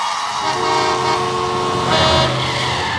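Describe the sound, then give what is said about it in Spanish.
Steady traffic noise with a car horn honking, one sustained blare followed by another overlapping honk, loud over the rumble of passing vehicles. “El tránsito. Si estás harto de los que no avisan sus maniobras.”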